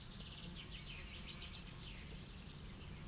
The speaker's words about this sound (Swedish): Solen har gått upp för en stund sen och då borde skatan... Ja, där kommer skatan. Den flyger mot trädet.